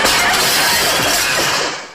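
A window's glass shatters loudly in a sustained, bright crash of breaking shards that rings for nearly two seconds before cutting off, with no voices, as it is accidentally smashed with a chair.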